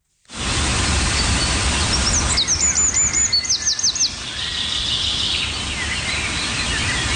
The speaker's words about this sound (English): You know, you can spend even the smallest amount of time outdoors and you'll hear the sweet, gentle sounds of bird calls. There's the chickadees and the sparrows, the warblers and the wrens.